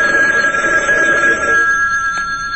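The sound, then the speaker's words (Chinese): An old Siemens bell telephone in a room rings loudly, a harsh continuous metallic jangle that holds steady for a couple of seconds before easing slightly, with no voices. “房间里的西门子电话机骤然响起来，他撇下了马灯，学到电话机旁，握起了话筒。”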